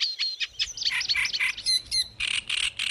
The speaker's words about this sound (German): Nah verwandte Arten haben oft ähnliche Gesänge wie der Teich, der Sumpf und der Drosselrohrsänger.